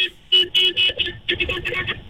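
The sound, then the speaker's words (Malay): A car horn sounds in a series of short, loud honks with a steady, buzzy tone, separated by brief pauses, against a low rumbling background. “Hon satu kali.”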